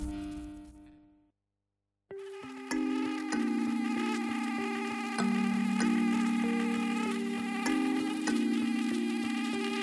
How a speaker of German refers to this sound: Dieses Geräusch kennt jeder. Ein leises Summen. Irgendwo im Raum. Man hört es und weiß sofort. Gleich wird man gestochen.